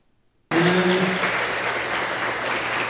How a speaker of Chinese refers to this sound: 两位主讲人在掌声中热闹进场